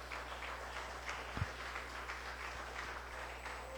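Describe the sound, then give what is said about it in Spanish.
A church audience applauds to God at a Spanish-language service, a soft, steady wash of many hands clapping together that runs the whole time without a clear beat, over a low, constant hum. Nobody speaks. “Dar un aplauso a Dios ahí donde estás.”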